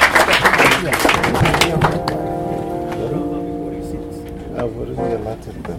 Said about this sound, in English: Let's give a round of applause for him.